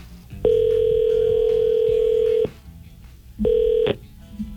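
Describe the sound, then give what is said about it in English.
An outgoing phone call to a contest winner in Eufaula ringing on the line: a steady electronic ringback tone holds for about two seconds, pauses, then starts again before cutting off. It is fairly loud, with no talking. “All right, let's go to the phone and see if she's going to answer.”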